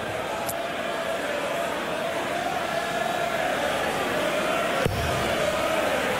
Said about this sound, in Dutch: En onder het juiste geluid van het publiek, die willen natuurlijk dat de underdog zo lang mogelijk in deze wedstrijd blijft.